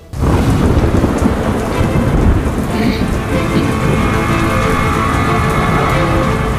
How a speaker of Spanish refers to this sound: La lluvia londinense arreciaba. Aquel mes de noviembre llovió prácticamente a diario.